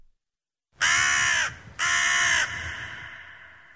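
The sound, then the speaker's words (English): Two loud, harsh crow caws ring out, each lasting under a second with a short gap between, followed by a fading echo and quiet background. “I really don't like birds.”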